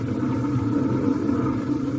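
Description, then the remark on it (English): A car engine rumbles steadily, a low, continuous drone with a slight throb as the car drives out of a house's attached garage, with no voices over it. “He drives out and you don't do nothing?”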